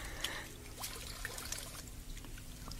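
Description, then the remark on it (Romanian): A thin stream of drinking water pours and trickles steadily into a container for a few seconds, fairly quiet, with faint splashy bursts and no talking. “Ce sete mi-era de apă asta. Mai dăm să beau.”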